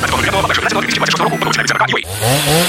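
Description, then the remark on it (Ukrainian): A man speaks briskly, then a power drill or saw whirs up loudly near the end, its pitch rising as the motor spins up for under a second. “Пилу берем і дриль берем”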